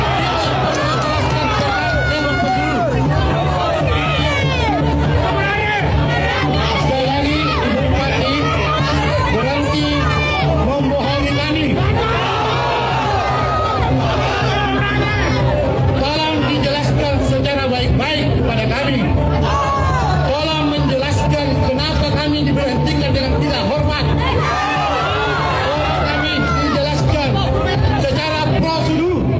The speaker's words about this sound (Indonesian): Sementara di halaman kantor Bupati Goa, massa yang bergantian melakukan orasi dari atas mobil komando, mereka mengaku kecewa terhadap sikap Husnia telah terpilih sebagai Bupati Goa.